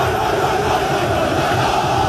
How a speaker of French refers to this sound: Les supporters de Beşiktaş détiennent le record du monde de décibels, plus de 140 dans leur ancien stade il y a 13 ans. Soit plus de bruit que le décollage d'un avion.